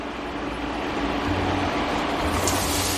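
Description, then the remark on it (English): Onions sizzle steadily in hot oil with cumin seeds over medium heat, a dense, even hiss with fine crackling that holds at a moderate level throughout, with no voices. “That's the sound we like.”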